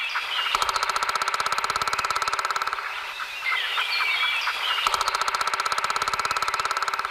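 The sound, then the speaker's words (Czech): A woodpecker drums behind a house in two long, rapid bursts of sharp, loud taps, with a short pause between them where birds chirp and twitter in the background. “3, 2, 1. Datel.”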